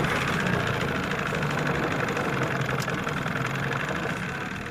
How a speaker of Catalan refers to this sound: Arrencam el cotxe amb una clau de contacte.